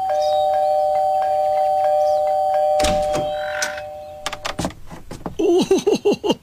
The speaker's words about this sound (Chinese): 小朋友，你都快把这门铃给按坏了。